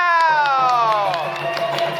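An audience claps steadily while a loud, bright tone with many overtones slides slowly downward in pitch across the two seconds, partly covering the applause.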